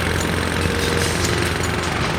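A loud jackhammer pounds away without pause, its rapid rattling hammering blows filling the whole stretch at a steady, harsh level with no voices.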